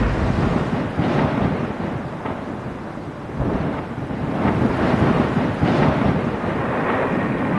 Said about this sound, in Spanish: Pidan ustedes al Señor que detenga los truenos y el granizo